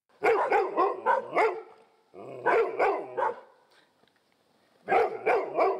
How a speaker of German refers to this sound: Die Vierbeiner in Rheinbeek bekommen jetzt wohl jedes Mal ein Leckerli, wenn sie Alarm schlagen. Denn es sind Einbrecher in der Gegend unterwegs.